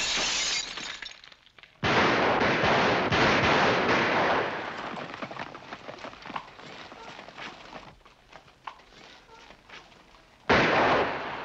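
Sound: gunfire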